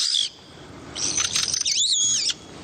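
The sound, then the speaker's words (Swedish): A pet parrot calls: a brief shrill note, then a longer, louder run of piercing whistles and warbling squawks that bend up and down in pitch, with no talking. “hur länge har du haft papegojor?”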